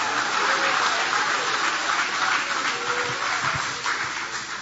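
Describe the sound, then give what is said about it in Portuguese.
An audience claps steadily together in praise of God, a dense, continuous wash of applause that stays loud throughout and eases off slightly toward the end, with no voices standing out. “Pode tomar o vosso assento, guarda a Bíblia com carinho e podem aplaudir a Ele também com alegria. Pode aplaudir, pode glorificar o nome dEle.”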